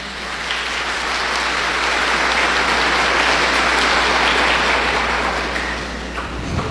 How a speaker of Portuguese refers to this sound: Uma salva de palmas para as crianças.